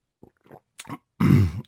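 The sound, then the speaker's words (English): A few small throaty noises lead into one loud, harsh cough lasting about half a second. No one is speaking. “What I will say is this, what I didn't like about it, excuse me, I got a little cough here.”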